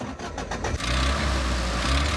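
An Italian car's engine cranks with a few quick starter pulses, then catches and settles into a loud, steady rumbling idle with a deep exhaust note, with no one talking.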